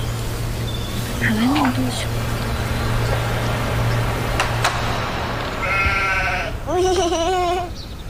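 A sheep or goat bleats loudly near the end: two wavering, quavering calls, one right after the other, over a steady low hum and outdoor background noise.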